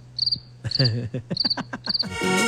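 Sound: crickets chirping sound effect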